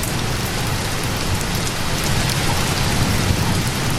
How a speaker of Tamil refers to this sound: பாட தொடங்கும் பொழுது மழை பெய்ய தொடங்குகிறது.